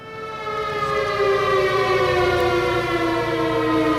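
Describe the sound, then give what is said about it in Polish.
A loud civil defense alarm siren wails steadily in the centre of Wieluń, Poland, at 4:40 in the morning, marking the anniversary of the town's 1939 bombing; its sustained tone slowly slides in pitch with rich harmonics, with no voices present. “Najpierw ciszę w centrum Wielunia przerwały syreny alarmowe, a chwilę później dzwon pamięć i przestroga.”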